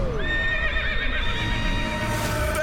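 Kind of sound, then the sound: animal, horse neighing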